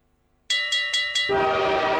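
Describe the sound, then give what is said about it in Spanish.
A train horn in a Tadicor radio advert sounds four quick, loud blasts in a row, then gives way to a steady held horn tone over a rumbling rush of rail noise. No one speaks. “El tren de las ofertas de Tadicor ya llegó”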